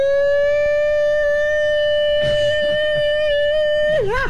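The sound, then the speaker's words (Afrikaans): An air raid siren holds a single loud, steady wailing tone for about four seconds, then its pitch dips and wavers near the end. Brief rustling noises come through partway. “Ja, man, het luchtalarm wordt afgeschaft, hoor.”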